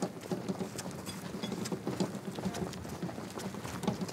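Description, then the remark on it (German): Steady clip-clop of a horse-drawn carriage's hooves on the car-free island of Jüst, where there are only carriages and trailers, a quick regular rhythm of sharp knocks on pavement, continuous over a faint rumble of wheels. “Dass es hier keine Autos gibt, sondern nur Kutschen und Anhänger,”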